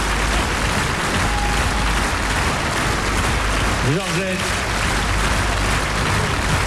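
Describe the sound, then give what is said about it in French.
Steady, dense applause from an audience fills the whole clip at a loud, even level, with a man's voice briefly calling out over the clapping partway through. “Sous vos applaudissements, mesdames, messieurs.”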